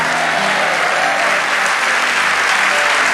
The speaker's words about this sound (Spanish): Vamos, dale ese aplauso a nuestros.